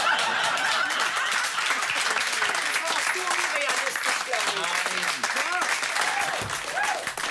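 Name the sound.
audience applause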